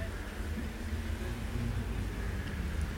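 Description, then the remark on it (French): Traffic on boulevard Saint-Germain as cars start off together, a steady low engine rumble and hum filling the scene at moderate volume for the whole stretch. “Un cycliste, boulevard Saint-Germain, départ des voitures”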